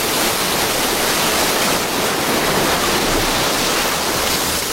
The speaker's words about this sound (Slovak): Čo je? Voda. Unáša ma voda. Ja neviem plávať. Ja sa utopím.